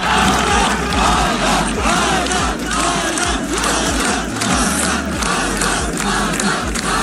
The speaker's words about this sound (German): Als er ins Ziel gelaufen ist, hat man ihm das auch richtig angesehen, wie er sich gefreut hat, es geschafft zu haben, genauso wie sein ganzes Team und eben auch alle Zuschauer haben dann seinen Namen im Chor gerufen.